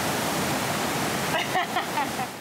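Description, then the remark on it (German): A steady, loud roar of rushing water from an artificial surf wave machine in a department store in Osnabrück, set to its smallest wave, constant throughout, with faint voices briefly breaking through in the second half. “Kann man die Welle nicht ein bisschen kleiner einstellen? Das ist schon die kleinste Welle.”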